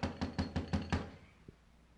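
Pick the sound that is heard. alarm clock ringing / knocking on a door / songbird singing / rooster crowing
knocking on a door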